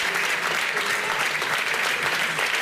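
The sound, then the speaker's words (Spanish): An audience at a pintxos congress in Vitoria-Gasteiz claps steadily for the Gran Sol of Hondarribia representatives honoured at this edition, a dense, even wash of many hands sustained at full volume throughout, with no voices standing out. “Salobat Berriro, un aplauso para ambos.”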